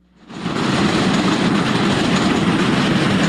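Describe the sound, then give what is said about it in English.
A train rumbles loudly overhead as it passes over, a dense continuous roar of wheels and rail noise that swells in quickly after a brief quiet start and holds steady throughout. “We have another train pass over us here.”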